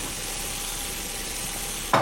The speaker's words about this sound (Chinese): 哎呀，鱼糊了。